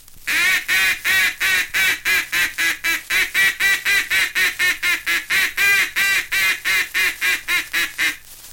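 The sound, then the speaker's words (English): A duck call blown loud and high sounds a rapid, steady run of loud quacks, about three per second for eight seconds, simulating two or three mallard hens on the water calling together to bring flying ducks down. No voices. “Notice how this call is made to simulate two or three mallard hens on the water joining their calls and pleading with those ducks to come down to them.”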